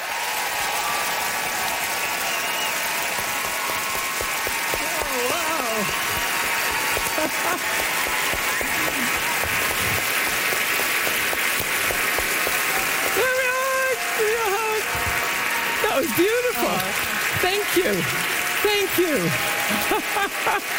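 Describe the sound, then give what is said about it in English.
Sustained audience applause welcoming tonight's guest of honor, novelist Louise Penny: a dense crackling wash of many hands clapping at steady loudness for about twenty seconds, with faint cheers and voices rising through it toward the end. “Great applause, rock applause, and that's all you get to see, folks.”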